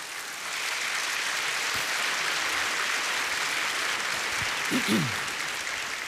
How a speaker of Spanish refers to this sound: ¿Por qué no le da un aplauso al Señor?